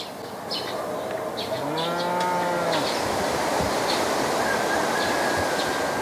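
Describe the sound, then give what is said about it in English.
A single long, deep cow moo rises and fades at a high pasture almost 2,000 meters above sea level just after sunrise, over a constant rushing outdoor background like wind or running water, with no one speaking. “Before breakfast, he and his mother milk the cows and then send them back to the pasture with their calves.”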